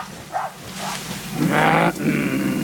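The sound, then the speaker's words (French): Trackers imitate a gorilla's call while approaching gorillas through dense vegetation: two short grunting sounds, then a louder, rough, drawn-out call that breaks briefly and continues steadily to the end. “Les traqueurs imitent le son de l'animal pour mieux se faire accepter.”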